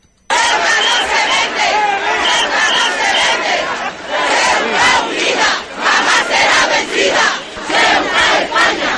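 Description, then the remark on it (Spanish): A large crowd of thousands of people in a plaza in Ceuta shouts and cheers continuously, many voices blending into a loud, steady roar with rhythmic surges of chanting throughout. “Escuchaban los gritos que se vitoreaba en esa plaza hace escasamente 12 horas.”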